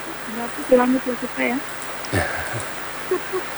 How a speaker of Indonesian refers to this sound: Hujan di sini deras.